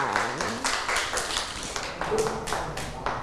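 A group of children claps in a loose, uneven patter, many small hands hitting at slightly different times over a few seconds, with faint voices murmuring underneath.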